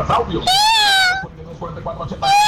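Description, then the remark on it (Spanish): A person imitates a cat's meow twice, loud: a long, drawn-out, whiny call, a brief murmur, then a second meow starting right at the end. “Ese podría ser, güey, pero es que como un gato también, ¿no, güey? Sí, este es un gato, no me gusta tanto.”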